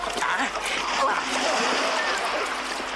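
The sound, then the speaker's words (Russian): A man dives headfirst into a river with a loud splash, followed by continuous churning and splashing that fills the whole stretch without pause. “Стрельцов ныряет головой вперед.”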